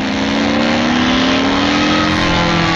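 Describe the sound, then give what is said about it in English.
An airplane sound effect: a loud, steady engine roar with a droning tone that slowly rises in pitch, continuous for about three seconds with no talking. “It was supposed to be an airplane.”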